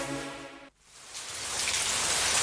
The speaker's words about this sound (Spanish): Empezá a disfrutar del sonido de la lluvia sin preocuparte por las filtraciones.